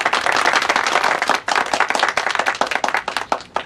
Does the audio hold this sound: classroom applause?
yes